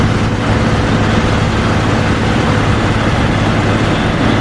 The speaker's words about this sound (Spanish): Bueno, a mí personalmente me encanta hablar de aviación, me encanta hablar de aviones. Y así suena un avión Airbus A400M.